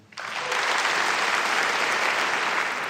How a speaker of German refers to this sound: Und durch diesen Abend wird uns führen unser Dirigent Stefan Maltzeff. Applaus